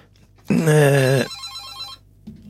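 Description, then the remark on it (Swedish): A telephone rings once in a loud, warbling electronic burst lasting under a second, followed by a quieter buzzing tail that fades out. “Ja, då tackar vi för intresset här. Att telefonlinjen fungerar.”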